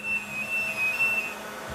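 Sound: supercomputer room machine noise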